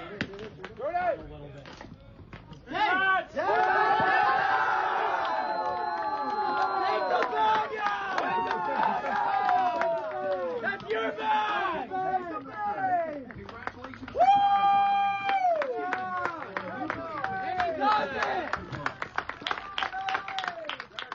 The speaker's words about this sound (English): Big round of applause from his teammates and some of the fans in attendance as well. You heard one of the fellas say, pick the bag up.